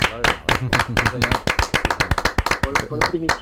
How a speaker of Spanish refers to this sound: Te vamos a dar una ovación ahora, justo claro, en este momento, sí.